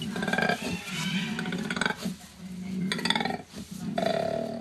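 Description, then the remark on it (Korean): A koala bellowing: deep, rasping, pulsing grunts like a snore and a belch combined, rising and falling in several loud bursts with brief pauses between them, and no talking. “네, 코알라 소리입니다.”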